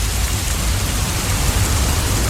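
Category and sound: nature, pouring rain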